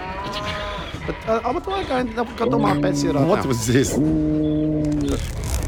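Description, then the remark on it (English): A person imitates a moose call in a comedy radio sketch set in Changhua Town, with long, low, wavering moo-like bellows, drawn out and fairly loud, repeated a few times over about five seconds. “What was this? Oh, that's my moose.”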